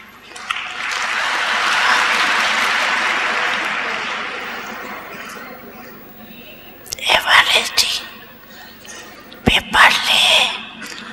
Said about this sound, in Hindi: तो एवरेडी है, हाँ बोलो, अगर एवरेडी हो तो हाथ की ताली बजाओ।